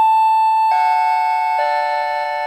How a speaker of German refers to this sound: Ich brauche eine neue Türklingel, weil meine nicht mehr funktioniert. Und jetzt weiß ich einfach nicht, welche ich nehmen möchte.